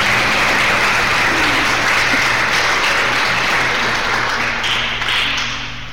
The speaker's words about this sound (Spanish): Un aplauso para Jesús.